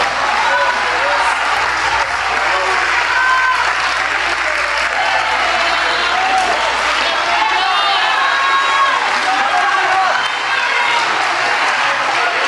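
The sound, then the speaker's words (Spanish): A church audience, on its feet, applauds the Lord Jesus Christ steadily and loudly for several seconds, a dense wash of clapping from many hands with scattered cheers and shouts mixed in, voices audible beneath. “Ponte en tus pies y dele un aplauso al Señor Jesucristo, por favor.”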